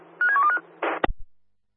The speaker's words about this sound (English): Could you please give us a bell on the office phone, mate? Roger, we'll dial now. Dial now.